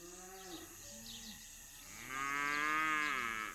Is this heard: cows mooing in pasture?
yes